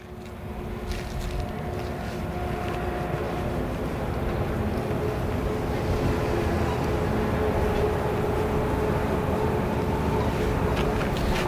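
A train rumbles past, a loud, steady low roar with a faint humming whine, building slightly and holding strong for several seconds, recorded during a soundwalk.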